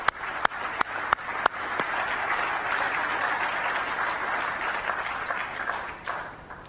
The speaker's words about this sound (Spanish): Ellas representan a los paraguayos que trabajan y que se mueven en un transporte público y nos inspiran a continuar con esta transformación del transporte que no se detendrá. Un aplauso para ellas.